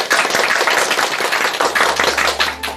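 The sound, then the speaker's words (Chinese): An audience applauds steadily to welcome a professor who is about to give a demonstration recitation of Du Fu's poem 'Spring View' (Chun Wang). It is a dense, loud wash of many hands clapping with no voices over it. The clapping holds for a few seconds before a faint low hum creeps in near the end. “接下来我们就请姚教授来为大家示范诵读，我们掌声欢迎。”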